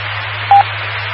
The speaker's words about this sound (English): I will check in more later, and I'm curious about the beeps at the end of the transmissions, if that's something new or what that's all about